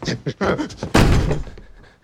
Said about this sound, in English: He rushes to the front door and holds it shut.